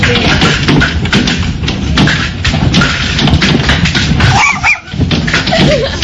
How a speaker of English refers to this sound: Of course, pets not big fans of the hail either.